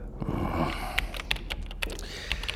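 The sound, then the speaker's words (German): A handful of crisp computer clicks, six or so, tapping out at an uneven pace over a steady low background hum, moderately loud, with no voices. “Klicken Sie halt irgendwas.”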